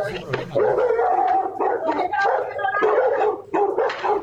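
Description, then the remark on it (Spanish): Small dogs bark and yip excitedly as they try to help during a beating in the street, a rapid, continuous flurry of sharp, high-pitched calls, loud, with voices talking underneath. “Y los perritos ahí tratando de ayudar.”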